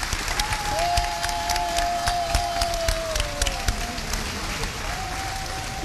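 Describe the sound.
A crowd applauds with dense, steady clapping for about six seconds, while a thin, sustained whistle-like tone hovers above and indistinct crowd voices murmur underneath.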